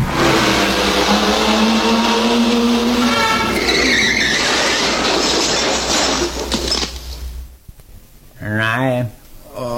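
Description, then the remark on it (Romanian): A car's tires screech loudly in a long, harsh skid over a rumbling engine as its weak brakes fail to stop it, cutting off abruptly into near silence before a short burst of voice. “A fost frâna demolit. Slabă, mă, n-a putut să ne oprească.”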